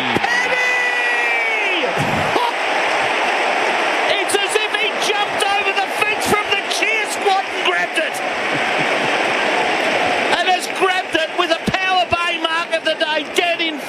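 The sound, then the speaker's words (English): A large crowd of Melbourne Demon supporters roars continuously at a football match against the Dockers in the final quarter, with whoops, shouts and cheering swelling and surging throughout, punctuated by sharp shrill whistles and yells rising above the dense, loud wash of voices. “Hear the Demon supporters roar.”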